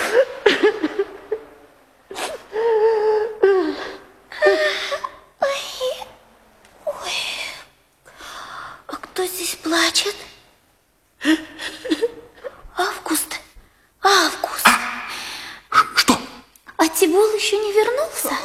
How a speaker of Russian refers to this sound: Ну, ты не плачь, Август, не плачь.